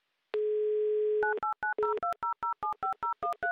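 A steady dial tone sounds for about a second, then a quick run of a dozen crisp touch-tone beeps as a telephone number is dialed, each short dual-pitched tone evenly spaced and clear.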